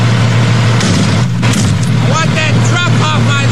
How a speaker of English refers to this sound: started smashing the lights out of the front of the cement truck